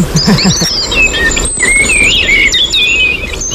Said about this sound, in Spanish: Mirlo común.